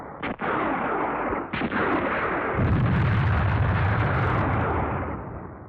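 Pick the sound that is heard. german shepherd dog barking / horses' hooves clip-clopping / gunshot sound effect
gunshot sound effect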